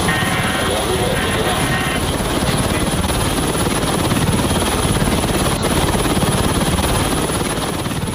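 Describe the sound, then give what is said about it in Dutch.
A French navy helicopter roars steadily throughout as the navy boards a Russian oil tanker sailing under a false flag in the Mediterranean Sea, its dense rotor and engine noise constant and loud, with faint indistinct voices and radio-like chatter buried beneath. “Je hoort hier de Franse marine die in de Middellandse Zee een Russische olietanker entert die onder valse vlag vaart.”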